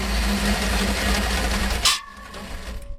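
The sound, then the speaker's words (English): South Australian farmer Glenn Simpson's V8-powered chainsaw roars with a steady, heavy low-pitched drone and buzzing overtones for about two seconds, then abruptly cuts out, leaving a faint lingering hum. “South Australian farmer Glenn Simpson speaking to Elsie Adamo about his V8 engine chainsaw.”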